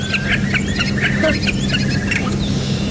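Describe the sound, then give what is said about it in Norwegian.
A starling mimicking other birds, including curlew and crow, with harsh, crow-like squawks mixed among rapid chirps and clicks, steady over a constant low background hum. “Altså i starten så høres det ut som det nesten har noe sånn kråkeaktig lyd, hvis vi hører her.”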